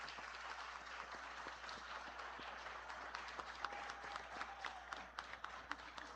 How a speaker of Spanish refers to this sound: El año pasado, un día como hoy, fue ordenado sacerdote el padre Francis, así de que saludémoslo con un aplauso hasta San Marcos, que es donde él está ejerciendo su misión.